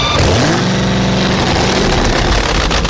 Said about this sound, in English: Imagine a 1,700-pound fiberglass Chevrolet Vega. Put in a 2,000-horsepower supercharged drag racing engine, pour in high-explosive exotic fuel, cap it quick, then climb into the driver's seat and ask yourself, what in the hell am I doing here?